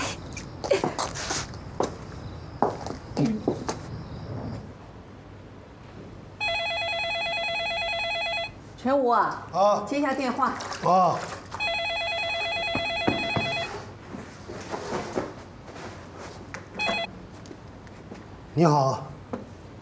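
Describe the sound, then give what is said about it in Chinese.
A telephone rings twice, each ring a steady, bright electronic trill lasting a couple of seconds with a short pause between, while people talk before, between and after the rings. “接下电话。”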